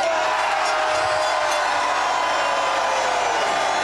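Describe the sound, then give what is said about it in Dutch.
A crowd of football supporters at the Sporza supporters' seat cheers and roars loudly, a dense, steady wall of voices that holds at the same intensity for about four seconds without breaking. “En iets in mij zegt dat die vooral luider gaan klinken. Laat jullie horen!”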